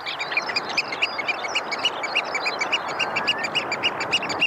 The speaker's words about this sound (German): Ich glaube, das habe ich ja noch nie gehört. Das finde ich aber auch sehr schwierig. Also, ich guck mal, was da steht. Austernfischer. Ich hätte es auch nicht gewusst, aber der Vogel sieht toll aus, der Austernfischer mit diesem roten Schnabel.